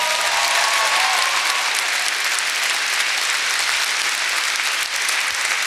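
Steady, dense applause from an audience, a broad hiss of many hands clapping at once, holding at an even, fairly loud level for several seconds with no voices on top.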